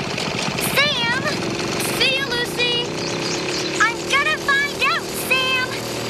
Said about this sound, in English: What's happening is, I've got to finish mowing my lawn.